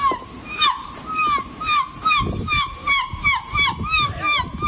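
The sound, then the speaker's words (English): A person imitates seagull calls in the annual Somerset Seagull Impersonation Contest at the 2026 Seagull Festival in Weston-super-Mare, Somerset, UK: a run of repeated high, squawking cries with sliding pitch, steady and fairly loud, over a low rumble of wind and background noise. “took the honour at the 2026 Seagull Festival at Weston Supermare in Somerset in the UK with this effort.”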